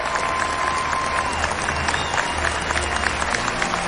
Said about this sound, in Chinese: 首先让我们响起热情的掌声，欢迎来到今天节目当中的三位嘉宾